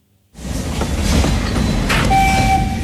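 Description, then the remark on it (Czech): A narrow-gauge steam train of the Osoblaha narrow-gauge railway rumbles loudly along the rails at Slezské Rudoltice, a steady heavy clatter after a moment of silence, with a thin high squeal rising near the end. “Na parní vlak jsem si počkal ve Slezských Rudolticích a seskakuje z něj Vít Bumba.”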